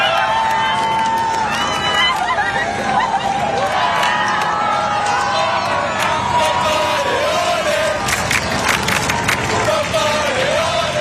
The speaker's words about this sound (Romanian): Zeci de mii de oameni, unii cu bebeluși în brațe, l-au întâmpinat pe Papa Leon cu aplauze și urale de-a lungul bulevardelor din Paris.